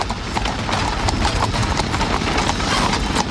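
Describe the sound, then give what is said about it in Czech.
Horse hooves clip-clop in a quick, steady rhythm, each hollow knock sharp and loud over a continuous low rumble like carriage wheels rolling along; a horse-drawn omnibus or horse-drawn tram in Prague. “Postupně byly omnibusy vytlačeny koněspřežnou a elektrickou tramvají.”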